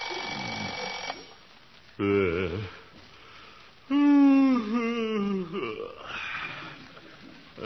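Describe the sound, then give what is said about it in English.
Early in the morning in the small town of Summerfield, a bell-like alarm clock rings briefly at the start, then stops, followed by a man's groaning, drawn-out vocal sounds. “Oh, alarm.”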